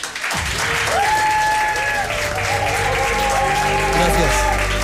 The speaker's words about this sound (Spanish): Y me vas a permitir que haga una cosa terrible, que no le gusta nada a Miguel, pedir un aplauso para él.